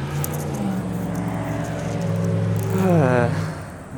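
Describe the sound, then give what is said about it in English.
A vehicle in the traffic passing through a neighborhood drives past, its steady engine drone swelling louder and shifting in pitch as it passes, then starting to fade. Nobody speaks. “The amount of noisy traffic passing through our neighborhood here is unfortunately just keeps increasing.”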